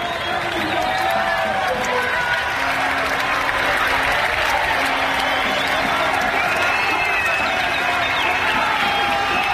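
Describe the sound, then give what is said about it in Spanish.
A group of people at footballer Pedro Porro's home in Don Benito erupts in celebration of his goal, with loud, continuous cheering, clapping and excited shouting voices that stay intense for the whole ten seconds without letting up. “Así ha sonado el láser, el gol de Pedro Porro Eterno en su casa en Don Benito.”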